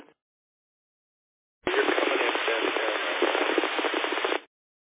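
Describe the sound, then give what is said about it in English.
A burst of garbled, crackly radio transmission, dense static and broken voice-like noise, cuts in abruptly and runs for about three seconds before stopping sharply; a brief click precedes it. “what you're transmitting is pretty illegible right now. I can't really make out what you're saying, except for a few key words.”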